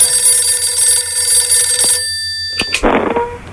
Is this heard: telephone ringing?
yes